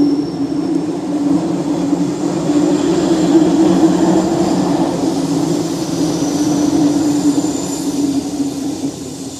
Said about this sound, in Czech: Velmi rád jsem tudy jezdil s tím vlakem, s Barunkou na Šumavu.